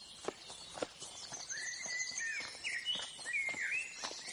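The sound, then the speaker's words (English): Birds chirp and warble in short bright phrases over a steady outdoor background, with faint hoof clip-clops and footsteps passing, as animals, including lions, elephants and birds, arrive two by two at Noah's ark. “Lions, elephants, birds.”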